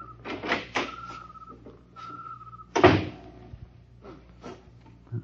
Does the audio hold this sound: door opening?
yes